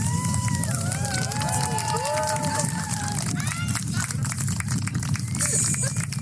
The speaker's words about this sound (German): Und wir haben hinterher geklatscht, als die Sonne wieder zurückkam. Und das mit dem Klatschen, das habe ich auch so erlebt. Das war auch besonders, dass die Menschen das so gewürdigt haben, eben mit Applaus.